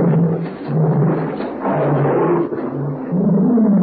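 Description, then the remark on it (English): A pet tiger roars loudly and continuously, a deep rumbling growl that swells and dips in several long surges with no pauses, rough and throaty throughout, with no voices present. “That's my pet tiger.”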